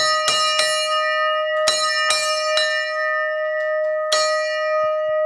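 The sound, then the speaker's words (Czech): A bell made of bell metal at the lookout tower on Kozubová is struck six times at uneven intervals, each loud clang leaving a long, shimmering hum that rings on between strikes. No one speaks. “Tak schválně, jak se zvoní na Kozubové.”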